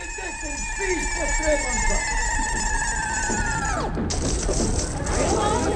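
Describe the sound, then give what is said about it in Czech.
A machine that is cleaning strangely sounds an alarm as a steady, shrill electronic tone that slowly sinks in pitch, then plunges abruptly and gives way to a noisy, crashing clatter as the machine explodes, over a busy, chattering background. “Stroj nekako čudno čisti i pišti. Alarm!”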